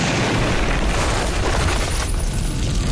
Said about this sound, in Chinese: 毛泽东带领工农革命军创建了井冈山革命根据地，在枪炮声中一寸寸扎下根。